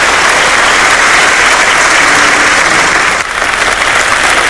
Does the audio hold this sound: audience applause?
yes